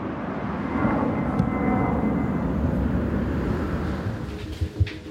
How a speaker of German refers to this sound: Zu Hause ist es mit dem Fluglärm oft noch schlimmer, erzählt sie. Direkt über ihrem Haus starten und landen Flugzeuge. Und das rund um die Uhr. Denn am Flughafen Hannover-Langenhagen gibt es kein Nachtflugverbot.